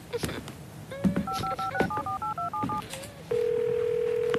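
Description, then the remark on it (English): A rapid series of about eight touch-tone beeps as a phone number is keyed in to make a phone call, each short and evenly paced, followed by a steady, continuous dial or ringing tone, clear. “I'm gonna make a phone call, but I'm just around the corner, okay?”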